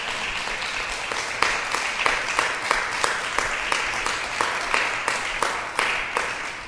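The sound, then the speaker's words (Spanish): A church audience claps hands together for the Lord in a steady, rhythmic beat, the many claps blending into a bright, continuous wash of applause with regular accented pulses about twice a second. “¿Cuántos podemos dar palmas al Señor en esta?”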